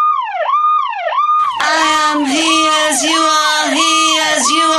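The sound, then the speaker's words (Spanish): A song melody imitating a siren, simple and repetitive, over a harmonic background: a siren-like wail sweeps up and down in quick, regular cycles, first alone and clear, then joined by a denser, noisier layer of overlapping wailing tones that keeps the same repeating rise-and-fall. “… se va con una melodía que hace inspirado en el sonido de una sirena”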